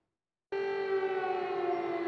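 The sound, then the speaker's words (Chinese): In Russia's Kursk region on the Russia-Ukraine border, on the 19th during State Duma election voting, after a half-second of silence an air raid siren starts abruptly and holds a steady, loud wailing tone with rich harmonics, sustained without pause and with no voices. “俄乌边境的俄罗斯库尔斯克地区19号响起防空警报”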